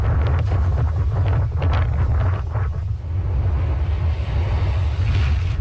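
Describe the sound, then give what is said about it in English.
Heavy wind roars and buffets against the microphone while large waves whipped by high winds crash and surge onto the Louisiana coastline just east of New Orleans as Tropical Storm Bertha makes landfall, in a constant, loud, rumbling wash, with bursts of spray breaking through. “Large waves whipped by high winds crash into the coastline as Tropical Storm Bertha made landfall over Louisiana last evening, just east of New Orleans.”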